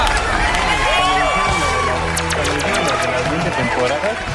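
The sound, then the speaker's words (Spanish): A studio audience bursts into loud, sustained applause mixed with cheering and shouts after a correct answer in a guessing game, dense clapping filling the whole stretch with excited voices rising over it. “¡Aplauso enorme!”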